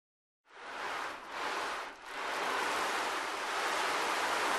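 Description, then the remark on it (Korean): Surf rushes onto a seashore in a steady, full wash of noise, with a couple of brief swells and dips as waves break and roll in. Fairly loud, with no voices. “하지만 청개구리는 그 말을 듣지 않고 바닷가로 갔어요.”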